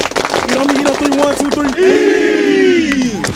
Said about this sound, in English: We're the Kings Mountain High School football team. And we're your high school team of the week. This week, we got North Gadsden High School ready to carry this momentum into conference play. Everybody clap it up.